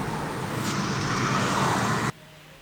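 Steady, dense road traffic noise with a broad engine-and-tire rumble, fairly loud and continuous for about two seconds before cutting off abruptly into near quiet.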